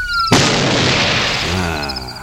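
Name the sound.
shotgun blast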